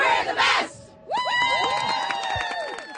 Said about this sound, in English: Come forward. We're going to do a Dragon Dogs cheer.